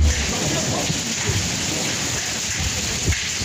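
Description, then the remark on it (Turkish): A steady, dense patter of hazelnut-sized hailstones drums on vehicles, damaging them, loud, with occasional sharper impacts standing out from the constant hiss; no one speaks. “Fındık büyüklüğünde yağan dolu araçlara zarar verdi.”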